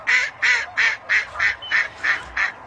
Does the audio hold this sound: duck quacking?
yes